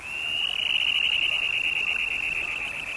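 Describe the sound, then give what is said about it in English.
A small russet, black and white Dunlin flying by and returning to Earth from its display flight gives a harsh, ringing scream, a steady high-pitched buzzing trill held loud and unbroken for about three seconds, with a faint hiss behind it and no talking. “This beautiful little russet and black and white Dunlin that is flying by issues a harsh ringing scream as it returns to Earth from its display flight.”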